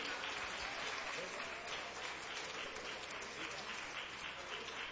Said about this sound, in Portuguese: com palmas bem alegre ao Senhor Jesus.